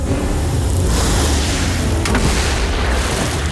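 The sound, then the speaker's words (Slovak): A massive boulder, hurled by a giant standing high above a cliff, crashes down and almost hits a ship, with a deep, rumbling boom swelling into a loud roar of crashing debris and low thunder that carries on without pause. No voices are heard. “Skoro nás privalila skala. Hodil ju ten obor, ktorý stojí vysoko nad útesom.”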